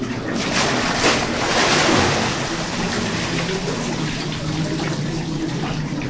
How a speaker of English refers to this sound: They say a prayer together, and then, when the pilgrim's ready, the helpers rock him back into the cold mountain water.